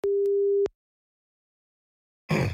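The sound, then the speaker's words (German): A telephone ringing tone on an outgoing call from Schwarzwaldradio calling a listener back: one steady, mid-pitched beep lasting under a second, followed by a long silence before a short burst of rustling noise at the end. “Es läutet.”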